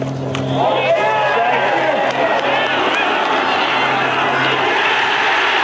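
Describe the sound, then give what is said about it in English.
A large golf crowd roars and cheers at Christy O'Connor's second shot, recorded on tape, in a sustained, loud swell of many voices, with shouts and whoops rising over a steady wash of noise that holds for several seconds. “Here is now the roar we heard Christy O'Connor on tape.”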